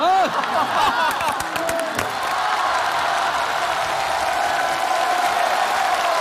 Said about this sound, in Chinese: 按我这改，改完以后啊，掌声笑声欢呼声都有，你信不信？